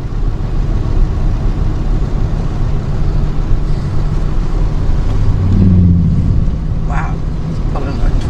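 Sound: boat engine running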